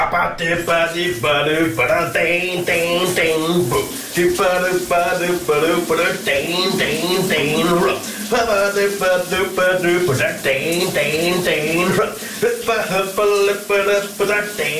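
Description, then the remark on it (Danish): A man sings loudly and continuously in a shower cubicle over the steady hiss of running shower water, his voice echoing, with the spray filling the background throughout; aired on VLR morning radio. “Ja, på VLR, der er der jo skønsangen direkte fra brusekabinen i vores morgenradio”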